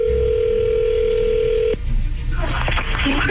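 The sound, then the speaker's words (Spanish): An outgoing phone call rings on the line with a steady, mid-pitched electronic tone for almost two seconds, then cuts off abruptly into crackling, rustling line noise as the call connects. “por favor, no haga ruido, ya entró ahí la llamada.”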